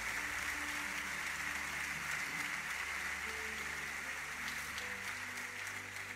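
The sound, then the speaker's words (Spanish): Steady, dense audience applause at a church service fills the whole stretch at an even loudness, with low sustained keyboard-like tones droning underneath. “Dele un buen aplauso al que escucha.”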